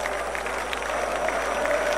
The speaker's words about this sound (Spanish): Escucha los aplausos de los escoceses, ¿no? Esta fiesta, esta tradición por parte de Escocia, más allá del partido, ahí está alentando la afición en la cancha de Boston.